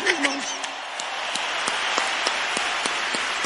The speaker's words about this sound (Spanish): A ver, que se ve un aplauso chido para la banda